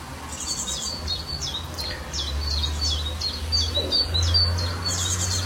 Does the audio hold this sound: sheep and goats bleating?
no